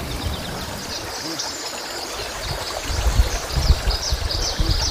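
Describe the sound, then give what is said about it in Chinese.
A steady rush of clear river water, fed by plateau snowmelt, flows near Shiqu County at 4,200 m altitude in summer. From the second half, irregular splashes and sloshing are heard as food ingredients are rinsed in the current in the traditional way. Faint high chirps sit in the background. “清澈的河水源自高原融雪，用河水清洗食材，也正是延续着古老而传统的方式，尽显天人和谐的本色。”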